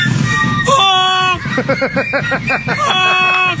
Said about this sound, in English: That's what a goose sounds like. When they're flying, they let you know they're up there.